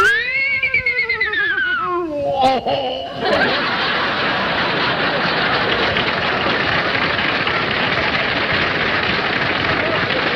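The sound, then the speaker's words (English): A man imitates an English horse with a wavering, quavering whinny that slides downward over about three seconds, then a loud, steady wash of crowd noise, like applause, fills the rest. “I can also do an English horse.”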